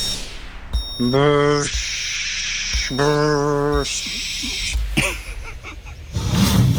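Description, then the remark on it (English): A person vocally imitates a drive-through car wash, alternating loud hissing, spraying whooshes with two droning, buzzy hummed tones like rotating brushes, fairly loud throughout. “what sound does a drive-through car wash make?”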